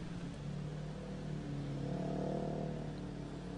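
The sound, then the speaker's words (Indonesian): Steady road traffic noise in the Semanggi area of South Jakarta, Indonesia, with a continuous engine rumble and a low droning hum that swells slightly midway as vehicles move past. No voices are heard. “Saat ini saya akan mengajak Anda untuk memantau bagaimana kondisi arus lalu lintas terkini, tepatnya di kawasan Semanggi,”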